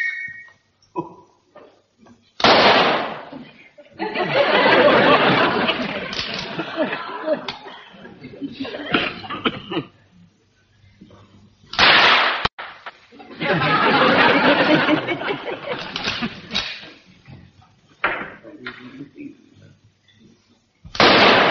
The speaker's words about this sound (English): I'm going to fire a few rounds so that you'll get the idea.